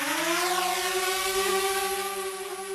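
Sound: drone buzzing overhead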